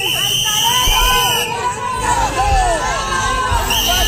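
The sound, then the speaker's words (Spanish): A dense crowd roars with sustained booing, shrill whistles and overlapping angry shouts of "vendepatrias" at Spain's Interior minister as he arrives at the government delegation in Ceuta, a loud continuous wall of voices with sharp whistle tones cutting through throughout. “Y esto contrasta mucho con la otra imagen que también vimos y oímos ayer y recuperamos ahora, que son los abucheos, pitos y gritos de vendepatrias al ministro cuando llegó a la delegación del gobierno en Ceuta.”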